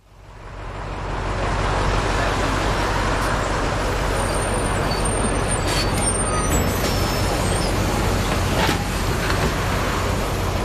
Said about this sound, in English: As we were stepping on to the rumbling bus waiting to take its passengers north,